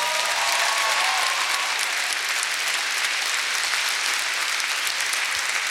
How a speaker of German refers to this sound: Ein herzlicher Applaus auch für